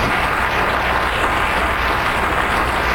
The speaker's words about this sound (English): Oh, give Him a good clap offering.